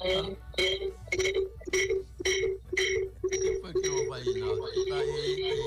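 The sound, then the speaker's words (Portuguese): A telephone rings with an incoming call from a listener to a radio program, in quick, evenly spaced bursts, bright and fairly loud, about two rings per second, with wavering tones and voices blending in toward the end. “É telefone chegando, né, de todo canto”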